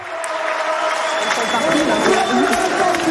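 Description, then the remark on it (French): A large tennis crowd at the French Open on Court Suzanne Lenglen, Porte d'Auteuil, Paris, roars and chants for French player Diane Paris, many voices blending into a loud, steady wall of cheering and sung Parisian supporter chants that swell slightly toward the end. “Et vous allez l'entendre, la Niçoise qui a été acclamée par la foule et qui ont même chanté des chants de supporters parisiens.”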